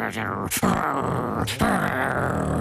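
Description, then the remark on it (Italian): A low, rumbling growl like an angry dog, seemingly voiced by a person imitating Cerberus, the three-headed dog guarding the underworld, fairly loud, with two sharp breathy bursts interrupting the sustained snarl. “E Cerbero ringhiava con le sue tre teste.”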